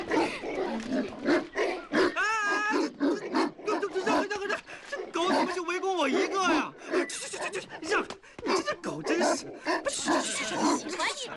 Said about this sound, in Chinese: 哎呀，我们常来的，几个村的狗狗都认识我们。你是陌生人，狗当然会叫了。